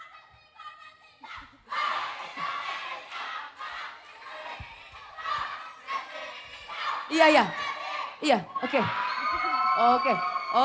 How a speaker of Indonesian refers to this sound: Jadi isinya tadi adalah teriakan-teriakan semuanya ya. Iya, betul ya. Pokoknya sampai habis jangan kelar suara ente-ente semua tuh ya.